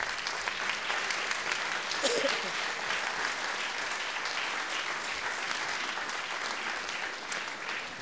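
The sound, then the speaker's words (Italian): Sustained audience applause at a festival in Bolzano, welcoming the Ladin community of Bolzano, a dense, steady wash of many hands clapping, continuing throughout with only slight swells and no distinct voices standing out. “Fagionti un applauso.”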